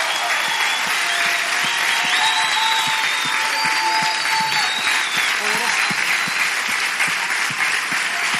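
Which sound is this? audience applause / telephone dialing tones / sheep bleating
audience applause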